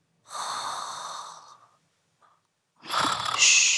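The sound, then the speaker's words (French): Two slow, breathy snores, each a long rasping pull of air separated by a short pause. They are fairly loud, and no talking is heard. “Tu entends ? Tout doux ronfle.”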